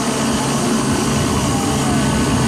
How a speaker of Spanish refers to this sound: Álvarez fue trasladado la mañana de este miércoles desde la cárcel en Santa Elena hasta la clínica Alcíbar en el sur de Guayaquil. El movimiento se realizó en helicóptero y bajo fuerte custodia